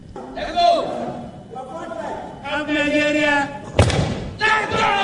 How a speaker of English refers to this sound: Yeah, that is really super solid. As the crowd yells, let's go.